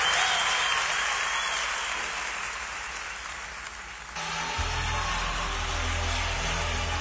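Loud, sustained audience applause fills the whole stretch, a dense rain-like patter of many hands clapping, dipping slightly midway before surging again over a low rumble.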